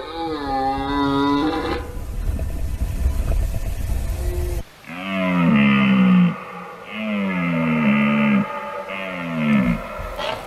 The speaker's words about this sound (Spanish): Fíjate este suena la vida. Qué maravilloso es. La berrea en todo su esplendor.